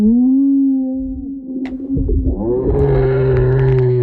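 Whale song: a long, sustained tonal moan with rich overtones, sliding into a lower, grainier call midway, loud and continuous with no voices over it.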